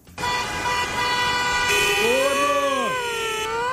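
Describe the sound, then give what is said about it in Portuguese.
Loud, sustained motorcycle and traffic horns blare together over a busy road background, with a wavering, bending tone sweeping upward and then dropping sharply partway through. No one speaks. “Não empina a moto! Sai da calçada! Muito bem, boletim do trânsito”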